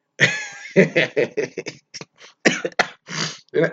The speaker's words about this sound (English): Oh my God, you're gonna make me cough.